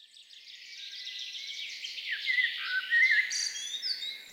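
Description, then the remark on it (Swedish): Continuous, dense birdsong with rapid trilling and warbling phrases, moderately loud, growing busier toward the end with bright high chirps layered on top. No voices. “Sex vårar har vi sänt Fågelsångsnatten i P1 och nu är det dags för den 7:e.”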